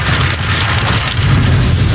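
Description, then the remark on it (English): Hail pounds down in a dense, continuous roar of impacts over a heavy low rumble, loud, with no gaps and no voices, during a tornado storm as storm chasers follow a tornado near the Nebraska border. “Listen, as storm chasers follow this ominous one near the Nebraska border, you can hear the hail slamming down.”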